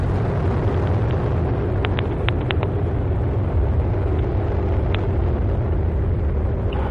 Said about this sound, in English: And lift off of the Atlas V rocket with Tedris K, broadening, enhancing, and improving the capability of space-based tracking.